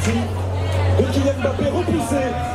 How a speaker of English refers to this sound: It's a hot night in Paris. There are screens set up everywhere at all the bars and cafes and crowds watching. There are just tons of people out here, and many are wearing Moroccan flags on their back.